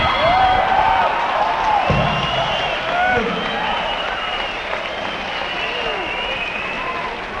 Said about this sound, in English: the boys that are screaming out, we notice the girls don't usually scream out, but the boys that are screaming out, when they want to be entertained that fast, stay away from them.